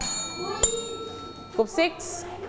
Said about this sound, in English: If you can answer the questions, hit the bell.